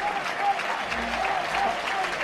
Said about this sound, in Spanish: El maestro Morante recogiendo la ovación. La plaza en pie. La plaza en pie del maestro Morante recogiendo una gran ovación del público portuense.